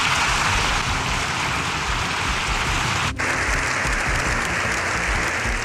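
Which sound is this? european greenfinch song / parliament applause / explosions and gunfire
parliament applause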